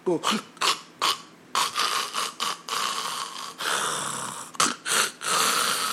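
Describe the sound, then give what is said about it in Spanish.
Irregular, choking snores in quick uneven bursts, snorts and rasping breaths stopping and starting with a longer ragged stretch in the middle, fairly loud. “El paciente que tiene apnea del sueño, ¿no?, los que son evidentes, ¿no?, duermen como un león herido, unos ronquidos que todo el barrio se despierta. Y encima, ni siquiera ronca simétricamente, sino se atraca.”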